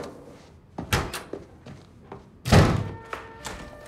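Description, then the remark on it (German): A door is slammed hard with a loud, heavy bang, preceded by a few lighter knocks and thuds, then a short rattling ring as it settles. “Guck mal, so schmeißt man eine Tür mit Schmackes, damit's auch knallt.”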